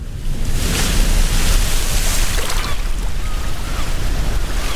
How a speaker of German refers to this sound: Die Sonne scheint, die Wellen klatschen gegen das Segelboot, das salzige Wasser spritzt bis ins Gesicht und das Segel bäumt sich im Wind, während die Jolle am Opernhaus vorbei durch die Gewässer von Sydney prescht.